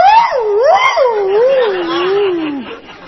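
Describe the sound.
A voice imitates a dog whimpering, a fairly loud whiny tone that wavers up and down for about three seconds before sliding downward and trailing off.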